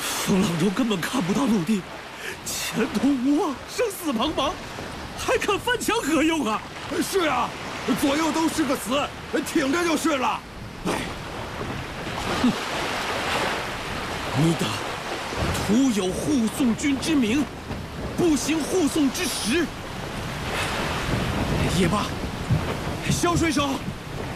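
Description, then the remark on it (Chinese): A raging storm at sea, with steady roaring wind, rain and surging waves filling the background while several voices shout over it throughout; aboard a ship with badly torn sails and two tall, thick, heavy masts. “眼见船上风帆破败不堪，两个高高的翻墙又粗又重，暴风雨中极易导致船只倾覆。”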